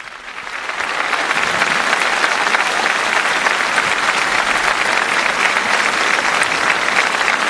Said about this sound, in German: Aber zuvor die Jubelrufe des Volkes. Es lebe der Papst, viva, viva! Und tosender Applaus.